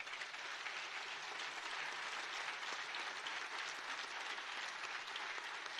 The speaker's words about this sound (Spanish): Yo quiero que le demos un aplauso al equipo de María Visión, por favor.